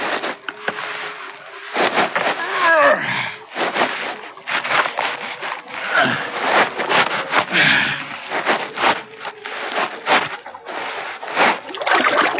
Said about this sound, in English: Well, let's do her. Help me slide this raft into the water.